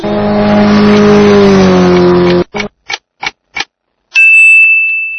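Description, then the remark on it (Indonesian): A loud motorcycle engine revs steadily for a couple of seconds and cuts off, followed by four quick sharp clicks and then a bright ringing chime. “Jawalatun, sepeda motor.”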